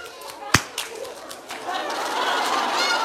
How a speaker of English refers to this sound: I'm going to give you a clap. You are so good. Wait. Ready for a clap?